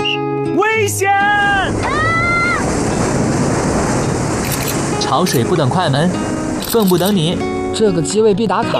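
Loud, continuous rush of incoming tide waves surging and washing in, a steady roar of surf with people calling out over it.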